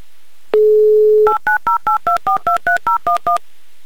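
A steady dial tone hums briefly, then eleven quick, evenly spaced touch-tone beeps ring out as a radio show redials a listener's phone number. The beeps are loud and clear, with no voices.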